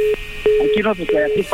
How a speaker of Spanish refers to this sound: ¡Ya nos colgó el teléfono!